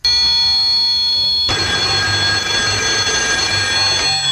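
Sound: telephone ringing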